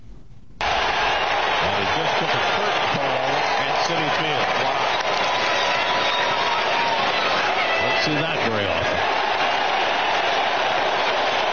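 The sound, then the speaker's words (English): A loud, sustained roar from a big crowd of Met fans in an opposing ballpark, cheering Alonso's game-tying home run and curtain call, bursting in after a brief quiet start and holding steady, with voices mixed into the din. “And you hear the crowd. Well done, Met fans.”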